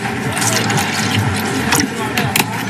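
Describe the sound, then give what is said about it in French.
Pineapple juice pours into a cocktail glass for a non-alcoholic piña colada in a steady, hissing stream lasting the whole moment, with a couple of brief brighter splashes near the end. “Un peu de jus d'ananas.”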